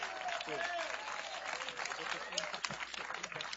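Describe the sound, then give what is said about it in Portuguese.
An audience at a church service claps steadily as applause for Christ, a dense and even wash of applause lasting the whole few seconds, with voices calling and cheering over the clapping. “Aplauso para Cristo.”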